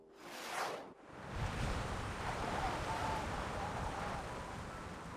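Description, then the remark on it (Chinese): A steady roar of strong, howling wind beating against windows fills the scene, broad and continuous, swelling briefly at the start before settling into a sustained gusty rush with a faint rattling texture underneath. “7:40，风声怒号，拍打着窗户，嗡嗡作响。”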